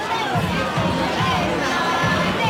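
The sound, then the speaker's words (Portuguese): A large crowd in the stadium stands roars and cheers steadily during a women's football match between Portugal and Latvia, a dense wash of many voices with scattered shouts and whistles rising out of the sustained noise for the whole stretch. “Animou-se as bancadas”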